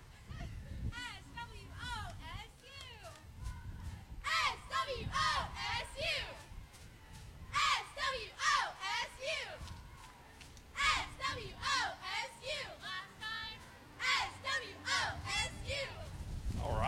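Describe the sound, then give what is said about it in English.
A group of young women college cheerleaders, off a truck tailgate, shout a Bulldog team cheer together in loud, rhythmic bursts of chanted syllables, with short pauses between phrases and a faint outdoor hubbub underneath. “Got to get Swasu out here with a Bulldog cheer.”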